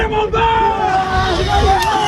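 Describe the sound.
A crowd of students cheers and shouts over a steady babble of voices as baccalaureate results are posted in the courtyard of Lycée Baggio in Lille, France. Sustained high yells and whoops rise above the loud, continuous hubbub.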